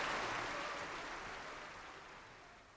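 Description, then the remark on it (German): Steady audience applause from a crowd, dense and continuous, gradually fading over a few seconds with no voices. “Hören Sie doch. Er hat einen Beifall, als wäre er Grog.”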